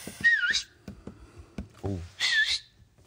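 Two shrill, piercing two-finger whistles, one short and rising, the other a bit later and longer, with a few soft clicks and a brief murmur of voice in between.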